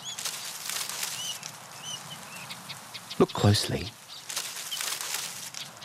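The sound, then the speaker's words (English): A long-nosed bandicoot forages on the ground, using its long nose to move dry leaves, a steady scratchy crackle with a louder, thumping scuffle partway through, while a voice speaks briefly over it. “What's that down on the ground rustling in the leaves?”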